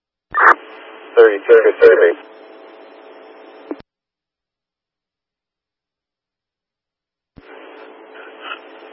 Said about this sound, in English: I believe it's getting static.